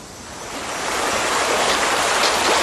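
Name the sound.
shallow river water flowing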